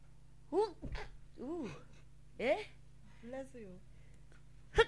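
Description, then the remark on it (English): A single sharp sneeze bursts out amid a few short voiced sounds, over a steady low electrical hum. “Bless you.”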